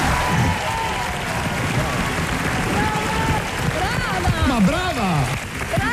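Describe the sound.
Steady, dense applause from a large audience fills the whole stretch, with voices calling out and talking over the clapping toward the end.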